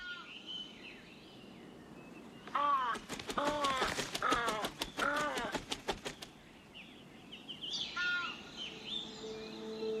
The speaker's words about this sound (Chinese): 初春时节，农民沿长路家的后山坡上住下了一窝朱鹮。他每天都要查看巢里的小鸟。